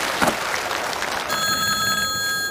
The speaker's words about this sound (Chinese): 只要俺家的电话响三声，俺老婆就知道我在外边平安了。那老婆神经衰弱，她要是听不见这三声电话铃，